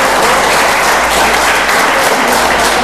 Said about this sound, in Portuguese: Aplaudam ao Senhor. Oh, aleluia.